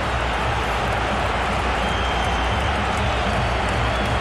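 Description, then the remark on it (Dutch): A stadium crowd applauds in a steady, dense wash of clapping and murmur that holds at an even, fairly loud level throughout, with no clear voices on top. “Applaus van Funes.”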